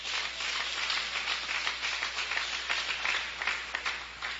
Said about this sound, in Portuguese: Que Deus abençoe a todos. Palmas para Jesus.